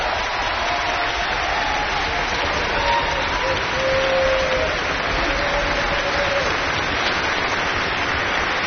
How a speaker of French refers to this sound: qui est ici également au violon et qu'on va applaudir bien fort et qui va nous parler tout à l'heure.